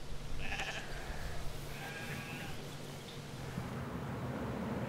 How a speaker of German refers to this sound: Ja, da sind sie. Die tierischen Landschaftspfleger. Etwa 500 Schafe gehören dem Verein.